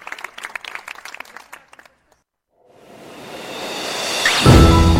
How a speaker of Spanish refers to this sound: Bravo. Un aplauso hasta el cielo para San Agustín por su conversión y toda su enseñanza.